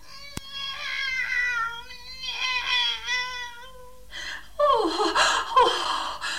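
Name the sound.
cat meowing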